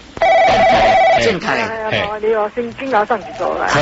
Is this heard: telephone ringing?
yes